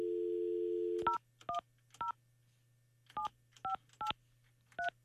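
A steady dial tone hums for about a second, then cuts off as a quick series of telephone keypad beeps sounds, eight short dual-tone presses in uneven bursts over a faint background hum, as a radio host dials a listener who sent a text message.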